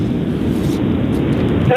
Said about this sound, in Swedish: Hörs det nog? Jo, men ganska dåligt. Du sitter i bil eller någonting? Jo, jag kan. Eller är du i en fors? Nej, jag är i en Renault.